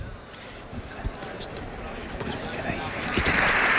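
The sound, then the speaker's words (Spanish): Applause from the Congress and Senate in joint session fills the chamber, with full public galleries, a dense wash of clapping under a murmur of voices, growing steadily louder toward the end. “Lo escuchamos los aplausos de Congreso y Senado en sesión conjunta.”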